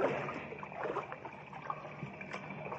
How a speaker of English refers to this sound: Buzz and Happy are in the lower shaft of a secret mine on Saturn's sixth moon. As they wade through the water of the partly flooded shaft, a strange sound filters down through the mine.